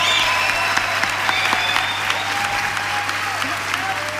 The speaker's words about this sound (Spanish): Fuerte el aplauso.